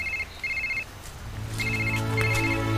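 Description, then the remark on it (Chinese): A phone ringtone plays: short, high electronic beeping pulses at first, then a fuller, melodic ringing tune that grows steadily louder over a low hum, with no one talking. “哎，你们先接我几个电话哈。”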